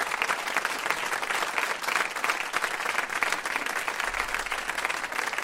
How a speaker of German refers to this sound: Applaus am Kontrabass.